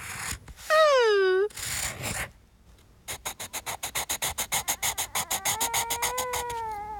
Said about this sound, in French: Il dessine. Toudou aime écouter le bruit des crayons sur le papier.